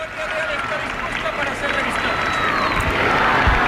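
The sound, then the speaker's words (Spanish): A large crowd of spectators applauds and shouts 'vivas' as the King receives military honours from the Royal Guard, a dense wash of clapping and shouting voices that holds at an even, fairly loud level throughout, with occasional whistles rising above it. “y bueno, pues es lo que lo que estamos viendo en estos momentos, y los aplausos del público. Y los vivas, vivas.”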